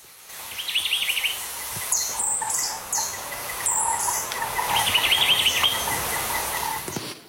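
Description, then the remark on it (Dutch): Two clear, warbling bird phrases of quick, rising and falling notes ring out a few seconds apart, with scattered sharp chirps between them over a steady hiss of insects in the background. “We horen zo drie vogels in actie, waarvan er eentje echt alleen op Jamaica rondvliegt.”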